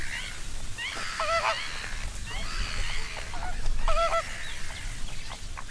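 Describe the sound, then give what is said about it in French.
Geese honk repeatedly amid a busy chorus of other birds at a bird park around sunrise, with two especially loud calls standing out over a steady outdoor background. “Ici, au parc ornithologique, c'est vraiment la proximité qui est la plus importante. Alors, on peut avoir les oiseaux très, très près.”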